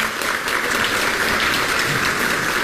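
Steady, dense applause from an audience, a continuous wash of many hands clapping at an even loudness for the whole stretch, with no voices over it.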